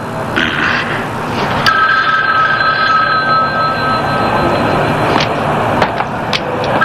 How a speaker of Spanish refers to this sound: ¿Quieres contestar el teléfono? Para cuando llegue dejará de sonar. Hazlo, por favor.